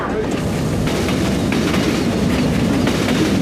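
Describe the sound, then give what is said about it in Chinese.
A slow passenger train in the deep mountains of China, which local Yi people use to trade farm produce, rumbles steadily along the rails, a loud, continuous low roar with faint rhythmic clatter, as if heard from inside a carriage. “深山里许多彝族百姓都是靠着这列不涨价的慢火车来交易农产品，实现货物流通的。”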